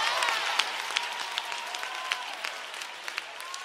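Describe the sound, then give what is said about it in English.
A crowd applauds steadily, many hands clapping in a dense, continuous patter with a few sharper claps standing out, sustained throughout. “clap your hands if you know it.”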